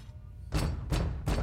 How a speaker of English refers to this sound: Oh my God, it's Santa. How can you possibly know that? His festive assured knock. Open the door, Candy.